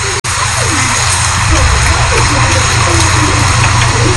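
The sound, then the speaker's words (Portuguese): Heavy rain pours down steadily with splashing water in Várzea da Cruz, Feira da Mata: a loud, continuous hiss over a low rumble, broken by a brief dropout right at the start. “Rapaz, essas chuvas. Olha o som da chuva aí.”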